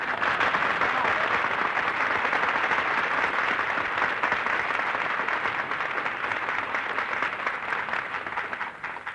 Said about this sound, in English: That terrific applause you just heard, folks, is breaking Benny's heart.